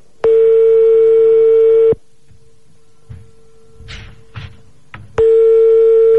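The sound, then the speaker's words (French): A call to a marabout on a landline phone sounds a loud, steady electronic ringing tone, then falls quiet for a few seconds with soft clicks and handling thumps before the tone starts again. No one speaks. “Et pendant qu'on l'a sur le fixe, tu me l'appelles sur le portable en même temps après derrière.”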